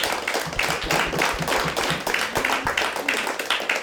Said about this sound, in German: Also einen herzlichen Applaus und danke, dass du heute hier bist.